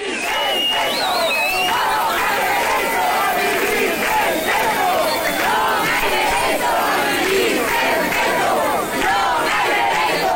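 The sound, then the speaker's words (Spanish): Hundreds of protesters at Puerta do Sol, demanding measures on the housing crisis, chant and shout slogans such as "todos somos Mari Carmen" and "vivir sen teito non ha dereito", a loud, dense wall of many overlapping voices rising and falling rhythmically without a break from start to finish. “Lo hacían para exigir medidas ante la crisis habitacional al grito de todos somos Mari Carmen y vivir sen teito non ha dereito.”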